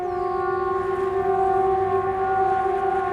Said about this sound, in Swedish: Det var ju vid ett tillfälle i det scenariot så ljuder VMA-signalen, den här vanliga, den som vi brukar höra en gång i kvartalet när den övas. Alltså viktigt meddelande till allmänheten.